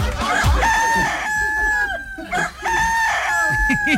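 A rooster crows twice in long, drawn-out calls, with hens clucking and squawking busily underneath, loud throughout.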